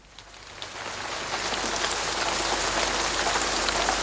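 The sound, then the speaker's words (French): Steady rain falls in a dense, even hiss, with scattered drops pattering through it. It swells slightly at first, then holds constant, fairly loud, with no voices. “La pluie ne cesse de tomber dans l'album dont nous allons parler maintenant, tant et si bien qu'un barrage est sur le point de céder et la ville entière est menacée.”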